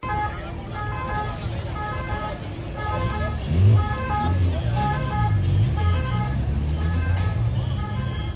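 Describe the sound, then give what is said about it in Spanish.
Cruz Roja (Red Cross) ambulance sirens wail in a repeating two-tone pattern over steady road and engine rumble, attending people injured at the Saca bull festival in Soria, with a murmur of voices mixed underneath throughout. “El sonido de las ambulancias de Cruz Roja que atendían a estos heridos de los que estamos hablando.”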